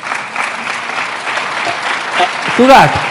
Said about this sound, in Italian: perché se voi mi applaudite vi devo dire che avete sbagliato tutto